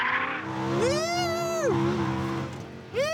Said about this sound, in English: The drifting Lamborghini was based around the Lamborghini Huracan standard 5.2-litre V10 engine.